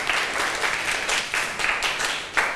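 A group of students in a lesson claps for themselves after a correct answer, a steady, dense patter of many hands in a brief burst of applause at fairly even loudness with a few sharper swells, no voices standing out.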